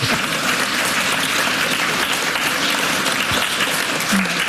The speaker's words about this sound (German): Ja, ein Applaus.